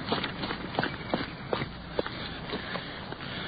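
Quick running footsteps pound along in a steady, rapid rhythm over a dull background hiss with no one speaking, as a police sergeant gets out of a stopped car and hurries around to a building's front door.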